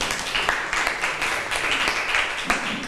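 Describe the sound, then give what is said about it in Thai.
A group of students in a class claps for a classmate who answered the teacher's question, a dense patter of many hands sustained for a few seconds at a moderate, even level with no talking. “เก่งมากเลยปรบมือให้เพื่อนค่ะ”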